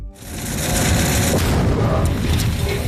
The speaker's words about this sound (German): Ein Minenräumer von Dicker wühlt sich durch den Boden, trifft auf eine Mine, eine Explosion. Der Minenräumer wühlt weiter, als wäre nichts geschehen.